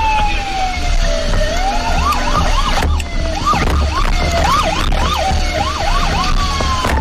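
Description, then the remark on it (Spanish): A loud, wailing alarm siren at a Neiva fire station rises and falls in quick repeated sweeps, with harmonics layered above, over a steady low rumble of background noise. “El sonido de la alarma rompe la calma de la estación.”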